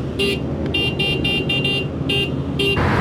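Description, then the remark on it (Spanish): The horn of a bike X35 Turbo car toots about eight times in quick, uneven bursts, loud, over a steady low engine rumble. “Ese es el pito del bike X35 Turbo.”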